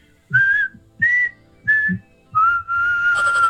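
A person whistles a short, clear phrase, the classic whistle associated with American actress Jennifer Lawrence: three brief even notes followed by a longer held note, close and fairly loud with no talking.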